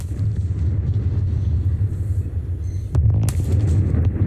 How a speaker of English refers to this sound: Twin smokestacks at one of Australia's longest operating power stations have come down today.